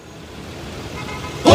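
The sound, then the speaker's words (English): Steady low rumble of daytime bumper-to-bumper traffic jammed on an 8-lane highway slowly builds, then a loud car horn blares abruptly right at the end, harsh. From the film Office Space. “Daytime, a traffic jam spans an 8-lane highway.”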